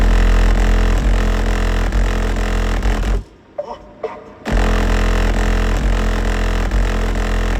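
Loud, bass-heavy music booms from the stereo of a car driving in Notodden, Norway, the low end thick and rattling, shaking the car's decorations and soda cans, cutting out briefly for a second of near quiet with a couple of small knocks before blasting back in.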